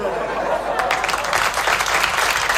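Steady audience applause, a dense, continuous patter of many hands clapping at a fairly loud level throughout, with no talking over it.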